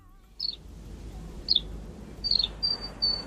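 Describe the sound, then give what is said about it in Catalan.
Short, high-pitched chirps of many kinds of birds sound at scattered moments, followed by a couple of thin, sustained whistled notes, all fairly faint over a low outdoor rumble, heard in a green area of Palma. “O a l'alegria del cant de tota casta d'ocells.”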